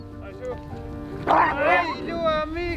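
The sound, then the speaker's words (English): A pack of sled dogs in Greenland barks and yips excitedly, their high, overlapping cries rising into a louder burst partway through and continuing steadily. “Dog sledding demands patience, discipline and leadership.”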